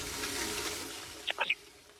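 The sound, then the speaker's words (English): A toilet flushing: a soft, steady rush of water that fades over a couple of seconds, with a few short gurgling squeaks near the end. “it was the Hitchcock movie that has the first film that featured a toilet flushing”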